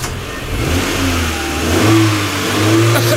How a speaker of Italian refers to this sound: Cadet, macchina anni 70. E perché mi metti l'odore della macchina dentro casa?